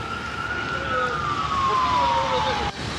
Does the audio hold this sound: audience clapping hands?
no